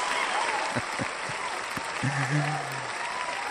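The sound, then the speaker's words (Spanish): Steady audience applause, a dense wash of many hands clapping at constant volume, with a few faint cheers and a brief voice rising through the crowd noise, as Hispanic radio announcer Humberto Luna is introduced. “Aplausos, aplausos. Aplausos, aplausos, aplausos.”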